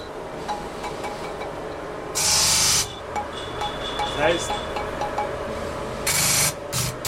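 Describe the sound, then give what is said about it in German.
Two loud, harsh rasping strokes of a file on a metal tuning bar during fine tuning, removing material until the note sits correctly on the scale, about four seconds apart, with quiet talk and faint ringing tones between them. “jetzt sind wir so weit Material abtragen, bis der Ton ordnungsgemäß an der Skala steht.”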